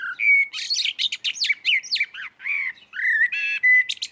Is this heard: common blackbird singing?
yes